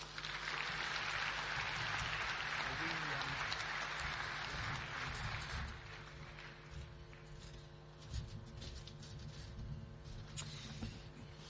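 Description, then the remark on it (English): A crowd at a club's 80-year anniversary celebration applauds the club president in a dense, steady wash of clapping for about six seconds. Then it thins out into scattered claps over a low background murmur. “Ladies and gentlemen, once more, your president, a big round of applause.”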